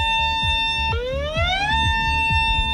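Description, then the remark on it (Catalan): A loud dam emergency warning siren in Catalonia, the kind the population would hear if a dam broke, blares a steady electronic tone, drops suddenly, then glides back up and holds, with a faint rhythmic thumping beneath it and no voices. “En aquests casos, la població sentiria una sirena com aquesta.”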